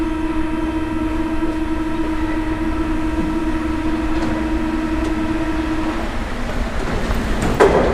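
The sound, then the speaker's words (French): A metro train rumbles along with a steady, droning motor whine and broad roar of wheels on rails, loud, with a brief clatter or squeal near the end. “Dans le métro.”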